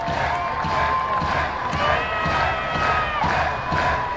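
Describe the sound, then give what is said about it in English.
A baseball crowd in Biloxi cheers steadily for about four seconds on a Wednesday night, backing pitcher Cam Wagoner with the Shuckers leading 3-1 and the Biscuits down to their final strike, a dense roar of many voices with shouts and whistles rising over it, loud and sustained throughout. “Crowd backing Wagoner on this Wednesday night in Biloxi.”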